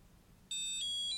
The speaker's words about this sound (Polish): Naciskamy pierwszy i ostatni kursor routing, a następnie D1 i D4 i przetrzymujemy przez około 5 sekund, aż usłyszymy podobny sygnał do tego, jak się włączało monitor Braille'owski, ale trochę wyższy.